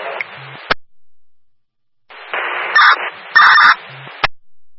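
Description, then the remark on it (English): A portable radio's man-down emergency alert, set off during a radio check: bursts of hissy static with squelch clicks, then two loud, harsh, honking alert tones sounding through the noise, with no voices. “Now go ahead and set your portable radios. You can proceed with your first man down.”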